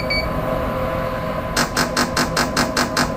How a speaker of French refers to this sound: Et quand vous entendez le bip bip bip, ça vous annonce que qu'on va commencer la nouvelle stimulation.